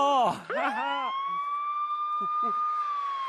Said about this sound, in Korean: 불이 나면 출동! 이건 소방차 소리!